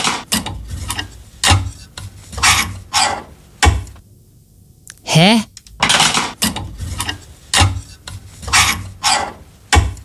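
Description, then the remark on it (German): A clothes hanger scraped back and forth along a wardrobe rail in a rapid series of rasping, metallic strokes, fairly loud, briefly interrupted by a short spoken exclamation. “Ach, ziehst du den Bügel hin und her?”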